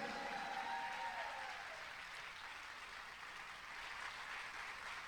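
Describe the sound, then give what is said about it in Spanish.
Loud, sustained applause from a large audience, given in praise of God, a dense wash of clapping that stays steady throughout with no speech over it. “Dale ese aplauso bien fuerte a Él.”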